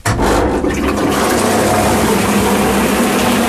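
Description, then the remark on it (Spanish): A machine churns and grinds wet paper into pulp with a loud, steady, watery roar that starts abruptly and holds constant throughout, with no voices. “Y va a hacer un poco de ruido, y, vale.”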